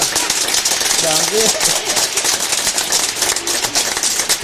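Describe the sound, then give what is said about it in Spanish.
An audience applauds a joke steadily for several seconds, a dense, even crackle of many hands clapping, with a brief voiced cheer rising through it early on. “Esa se merece un aplauso.”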